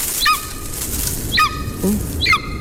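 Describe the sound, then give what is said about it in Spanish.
A golden eagle, a raptor, calls three times, short sharp yelps spaced about a second apart, fairly clear over a faint, steady background hiss. “Es un águila real.”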